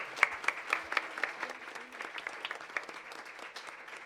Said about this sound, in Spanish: fuerte el aplauso al Espíritu Santo.